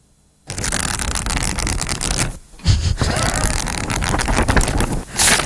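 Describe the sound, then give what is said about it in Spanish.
Continuous papery rustling and flapping as book pages are turned quickly one after another, with a brief pause midway before the flipping resumes. “¿Darte aire, pasar hojas?”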